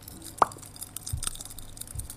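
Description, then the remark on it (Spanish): A ventriloquist's voice, in a radio theatre performance, imitates oil heating in a pan on a stove burner to fry potatoes: a soft, continuous hissing crackle with one sharp pop early on and a couple of low thumps, with no speech. “Puso la hornalla, metió el aceite y empieza a calentar.”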